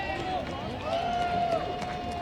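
The Friday night baseball crowd at Hodgetown gives a Bronx cheer, a sustained wash of jeering and booing with a steady high whistle-like tone running through it for a couple of seconds.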